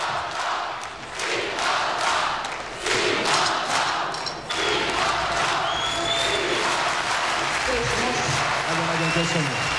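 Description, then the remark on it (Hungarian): A large arena audience roars and yells continuously, a dense wall of crowd noise with scattered clapping and shouts rising and swelling throughout, loud and sustained. “Tessék csak figyelni, hogy hogy zúg az aréna, zúg, üvölt a közönség.”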